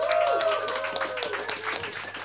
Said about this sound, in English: Thanks. Another round of applause for everyone.